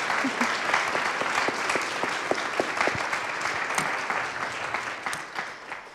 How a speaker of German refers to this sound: Ja, gerne Applaus.